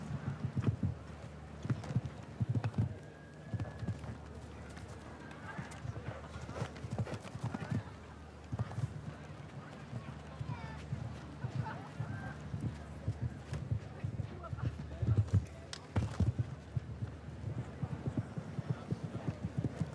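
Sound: horse hooves clip-clopping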